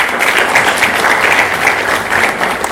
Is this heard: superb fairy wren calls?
no